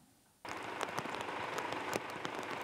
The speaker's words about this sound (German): Heute früh in Hildesheim. Die Straßen überflutet und die Gullis verstopft. Auf die große Hitzewelle folgt ein kräftiges Unwetter mit Starkregen.